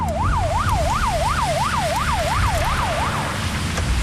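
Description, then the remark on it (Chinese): A Hebei traffic police car siren wails on an expressway in a fast, rising-and-falling yelp, about ten even cycles, loud over a steady rumble of road traffic, then breaks off just before the end. The car is carrying 19 stranded tourists from a broken-down coach out of the heat. “警车马上送大家去避暑。”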